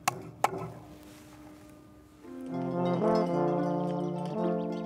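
Two sharp, loud hammer knocks land in quick succession at the start as a new trail signpost is mounted on a hiking route, then a quiet pause before sustained tonal music swells in and continues to the end.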